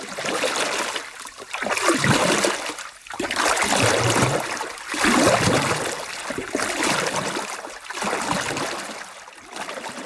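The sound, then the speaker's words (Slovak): A small boat glides through water toward an island, with steady sloshing and trickling that swells roughly every two seconds like paddle strokes. The water sounds fairly loud, and no one speaks. “Vzal gitaru, nasadol do loďky a odplával k ostrovu.”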